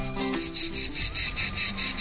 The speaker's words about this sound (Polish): Doskonale kojarzycie ten dźwięk, prawda? To cykady. Ich charakterystyczne, jednostajne, nienudne koncerty są częścią naszych wakacyjnych poranków, czasami wieczorów, dni po prostu, wakacyjnych spotkań i wspomnień.